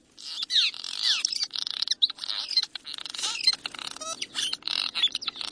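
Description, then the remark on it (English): Cliff swallows chatter continuously, a dense overlapping mix of squeaky chirps and buzzy twitters from many birds at once, steady throughout with no voices. “Cliff swallows, on the other hand, will often reuse nests.”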